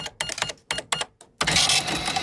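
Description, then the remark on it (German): An old mechanical cash register rings up a sale: a quick run of clattering key presses and ratchet clicks, then a bright, sustained bell ring with the drawer sliding open, fairly loud. “Das ist eine Kasse.”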